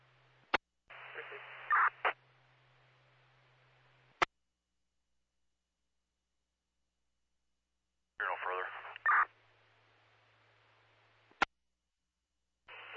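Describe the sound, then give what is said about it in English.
Two bursts of crackly, hissing radio static, each opened and closed by sharp squelch clicks, with garbled, barely intelligible voice buried in the noise and a low hum beneath, separated by silence. “There's a lot of static.”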